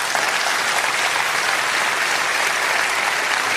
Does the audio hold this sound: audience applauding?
yes